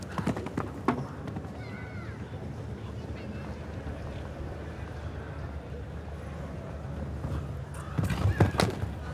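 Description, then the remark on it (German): A horse's hooves thud across soft ground over a steady outdoor rumble during a show jumping round, with a brief flurry of heavier impacts near the end as it lands from a jump. “Das Pferd haut natürlich einen richtigen Sprung raus, bleibt so ein paar Hundertstel auch länger in der Luft”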